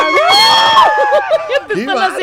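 A woman, a radio contest caller on station Ultra 92.5 who has won a trip to a concert, lets out a loud, excited, high-pitched scream lasting under a second, followed by choppy, lively vocal sounds and chatter.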